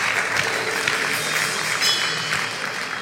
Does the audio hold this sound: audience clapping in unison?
yes